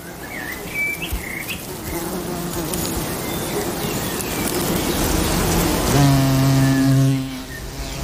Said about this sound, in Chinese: 刚飞来的这只看起来像雄蜂，其实是雄蜂牙蝇。它与雄蜂非常相似，只不过它的喙更像苍蝇，翅膀也只有一对，不是两对。